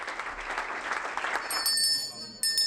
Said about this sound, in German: Großer Applaus und Schulterklopfen. Für Michael Boddenberg ist es heute die letzte Fraktionssitzung.